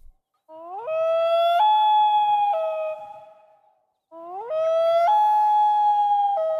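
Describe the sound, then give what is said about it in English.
A common loon on a calm, still lake at sunset calls twice. Each call is a long, loud, eerie wail that slides upward, then holds a high quavering tone with abrupt pitch jumps. There is no talking, just the calls over quiet. “Typically, you'd be kind of lucky if you spotted that loon in the distance before it disappeared underwater or flew out of sight.”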